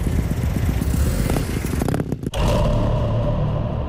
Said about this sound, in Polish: Aleja Zielenicka obstawiona policją, bo będzie koncert na Narodowym. Tuż obok radiowozu przejeżdża samochód tak, że cała ulica go słyszy. Policji nawet powieka nie drgnęła.